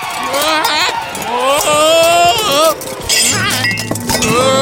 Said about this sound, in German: Ach, du faule Nuss. Jetzt ist mir alles runtergefallen.